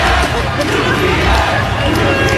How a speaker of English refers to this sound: And the fans that are just looking for something to cheer start giving the UPS truck MVP chants. Here it is. Here's your play of the day. Here's Knicks fans on the street last night when a UPS truck pulled up to a light on the Upper East Side.